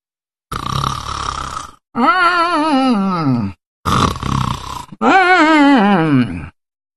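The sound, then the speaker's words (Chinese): A man's voice imitates the loud, strange snoring of the character Tu Xingsun, asleep sitting on a tree root against a big tree: two cycles, each a rasping noisy inhale followed by a long warbling, groaning exhale that slides downward in pitch, with no other sound. “就他这呼噜一唱三叹，怪异非常。”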